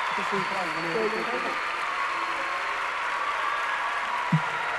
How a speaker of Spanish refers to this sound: Fuerte el aplauso.